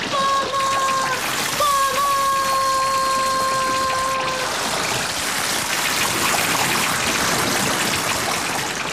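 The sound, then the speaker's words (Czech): Water gushes and pours out loudly from a whistle in a continuous rushing torrent, spilling over the threshold and flooding a cottage room. A steady high-pitched tone rings over it for the first few seconds, then fades, leaving the dense splashing flow alone. “Zastav tu vodu. Podívej, už se valí přes prach.”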